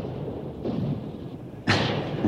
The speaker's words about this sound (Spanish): ¿Son truenos en el horizonte? No, señor presidente. Son bombas, granadas, morteros.